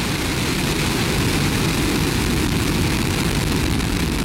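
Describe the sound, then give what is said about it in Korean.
The Nuri rocket's engine roars at liftoff from Naro Space Center in Goheung, South Jeolla, South Korea, spewing white flame and grey smoke: a loud, steady, rumbling blast with heavy low-end thunder that stays constant throughout, no voices heard. “네, 오늘 낮 12시 25분 누리호가 백색 화염과 잿빛 연기를 뿜으며 이륙했습니다.”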